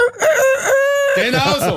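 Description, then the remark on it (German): A voice imitates the rooster-crow alarm of an egg timer: one loud, drawn-out cock-a-doodle-doo with a strained, sustained middle note that breaks into a wavering, throaty tail. “Der Sound, die kräht dann vermutlich oder so halt.”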